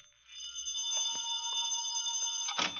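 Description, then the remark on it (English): A telephone bell rings continuously for a couple of seconds, a bright, buzzing metallic trill that holds steady, then cuts off with a short clunk. No one speaks. “I better answer the phone.”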